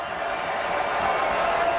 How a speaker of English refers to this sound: Crowd rising on this fourth down.